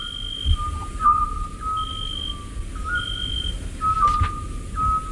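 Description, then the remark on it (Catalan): A scops owl's soft, whistled note repeats every second or two in a steady, monotonous series over a low background rumble, with no talking. “Això em consta que és un xot, que seria mussol, no?”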